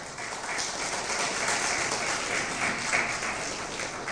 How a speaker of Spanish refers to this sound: ¿Cuántos dicen gloria a Dios? Un aplauso, por favor, para el Señor.